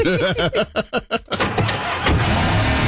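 A new truck's engine cranks over with a quick series of rhythmic whirring pulses, then catches and roars to life into a loud, steady rumble.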